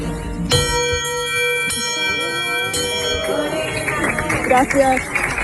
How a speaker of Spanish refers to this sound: Ahora puedo tocar la campana, que la voy a buscar, porque ya no tengo que volver aquí. Nunca más. Bueno, espero que nunca más. Pero es tan emocionante. Emocionante que voy a tocar la campana 3 veces.